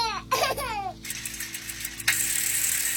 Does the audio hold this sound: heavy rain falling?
no